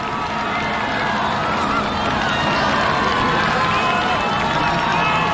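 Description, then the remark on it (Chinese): Stadium spectators at a race cheer in a dense, continuous roar of many voices, growing louder as the racers approach the home grandstand, holding loud and steady for several seconds with no single voice standing out. “越接近主场看台啊，就能够听到现场观众的欢呼声越大。”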